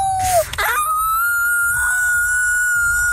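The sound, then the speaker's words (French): Franco-Ontarian schoolchildren imitate wolf howls for the Festival du Loup: a brief falling cry, a short rough burst, then one long, steady, high-pitched howl held for several seconds at a fairly loud level, with faint noise beneath. “Les élèves franco-ontariens qui font leur meilleur hurlement de loup.”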